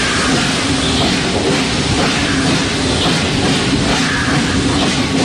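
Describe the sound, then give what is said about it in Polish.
A steady, loud rumble of a steam locomotive rolling along the rails, with continuous mechanical clatter and a hissy wash of noise, unbroken for the whole stretch. “Charakterystyczne dźwięki wydobywają się, kiedy ruszają, kiedy są rozpędzone i hamują z piskiem.”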